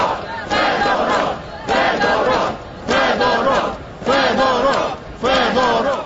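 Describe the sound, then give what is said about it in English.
A large protest crowd of mainly young people in Kyiv, Ukraine, protesting the sacking of the defence minister, chants the minister's name over and over in loud, rhythmic bursts, five times with brief pauses between. The chanting is energetic, with no separate talking. “Crowds of mainly young people who gathered in the capital, Kiev, for a second night, and elsewhere in the country, they were chanting the minister's name.”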